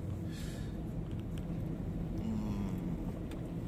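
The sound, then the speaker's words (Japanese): A car's steady low engine and road rumble fills the interior, with a faint rising engine tone midway as the vehicle picks up speed on the way to Senjitsu, a shop known for shaved ice. No one talks. “千日に行きましょうってなってから車速が上がりましたね。”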